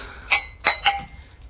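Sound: glasses clinking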